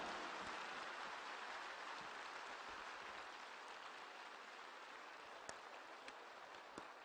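An audience applauds the Virgin Mary steadily, a dense wash of many hands clapping at an even, fairly quiet level, with a few sharper individual claps standing out near the end.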